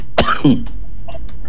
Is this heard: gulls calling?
no